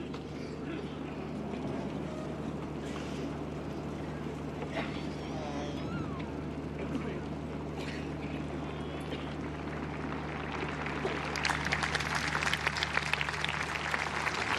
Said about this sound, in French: Les pèlerins qui applaudissent ce discours du pape Léon XIV, une ode à la Vierge Marie